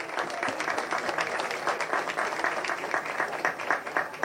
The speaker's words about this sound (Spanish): Un fuerte aplauso ya con nosotros, señoras y señores, para compartir este momento muy especial para esta comunidad. Y con los niños, que también lo reciben a él con un fuerte aplauso, señoras y señores.